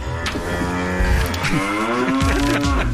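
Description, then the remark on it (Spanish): A cow moos loudly, a long drawn-out low call with a rising and falling pitch that fills the whole moment, with no talking over it. “Dependencia la vaca.”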